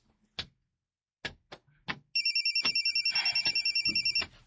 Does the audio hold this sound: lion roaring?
no